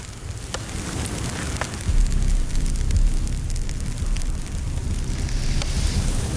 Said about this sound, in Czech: Dívám se do ohně. Ten stráví všechno, aniž by slyšel, mluvil nebo viděl.